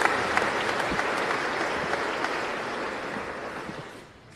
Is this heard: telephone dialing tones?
no